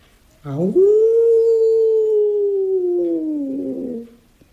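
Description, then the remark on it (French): A single long wolf howl rises sharply, then holds a steady, mournful tone for about three seconds before sliding gently downward and fading, loud with no other sounds around it. “je n'ai pas peur du loup, parce que j'ai la solution.”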